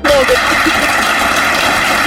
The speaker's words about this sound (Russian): Это мы вам аплодируем в поддержку.